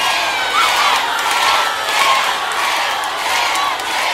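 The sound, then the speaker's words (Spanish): A large concert crowd shouts and cheers continuously while a live album is recorded, a dense, loud roar of voices with occasional whoops rising above it, sustained without pause throughout. “Son ustedes los que cantan, los que gritan, saltan y dicen ¡ay, amor, bien fuerte!”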